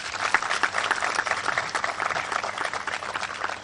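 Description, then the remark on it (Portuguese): A crowd claps steadily, many hands producing a dense, continuous patter of applause that holds at an even, moderate level throughout, with no voices standing out above it. “quero pedir uma grande salva de palmas para todos.”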